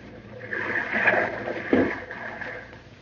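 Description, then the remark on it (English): A small boat glides quietly in through water toward a yacht with its motor shut off, a soft continuous wash and gentle lapping, with a brief splash-like swell partway through. “Shut off the motor. We'll glide in.”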